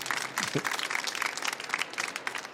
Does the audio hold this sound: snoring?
no